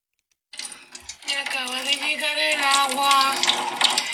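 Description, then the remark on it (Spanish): A steady rush of water gushing from a tap at a home, just as the water supply has come back, starts abruptly and keeps flowing loudly, with a person's voice talking over the splashing stream. “Y hizo este comentario y se escucha el chorro.”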